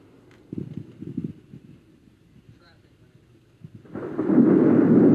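Deep, rolling thunder-like rumbles for the first few seconds, then a sudden loud, dense roar of heavy monsoon rain pouring down hard and steady on the Frijoles fire.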